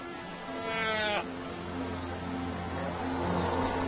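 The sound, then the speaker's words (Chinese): A mother fur seal, searching for her pup in a very large fur seal colony, lets out one loud, bleating call lasting about a second, its pitch sweeping upward before it cuts off, over a steady low drone of colony noise that continues afterward. “突然，小海狗仿佛听到了妈妈的呼唤。”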